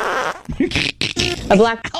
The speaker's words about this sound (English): I don't know if the fart will actually stick to the chicken.